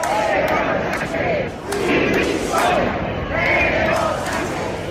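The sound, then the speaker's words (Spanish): A large protest crowd at Plaza de Cibeles shouts and chants calling for the resignation of Pedro Sánchez, in repeated rising surges, many voices merging into a loud, continuous roar with rhythmic swells, no single voice standing out. “Banderas de España y de Ceuta, pancartas contra el gobierno y sobre todo gritos pidiendo la dimisión de Pedro Sánchez.”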